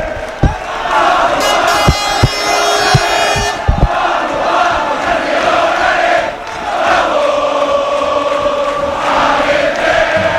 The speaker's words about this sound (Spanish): Bengalas en mano, gente de todas las edades. Veo a papá, mamá, niños, niñas, grupos de jóvenes. No cabe un alma más. Así suenan los aledaños de Castalia antes del primer partido de playoff de ascenso a la Primera División.